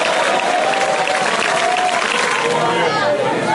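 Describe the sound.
An audience claps hands in a dense, continuous wash of applause that stays loud and steady throughout, with voices calling out and murmuring underneath.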